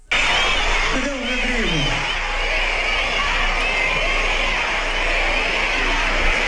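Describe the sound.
A huge concert crowd roars continuously, many voices blending into a dense, loud wall of sound, with a chanted name rising out of the din near the start and the noise holding steady throughout.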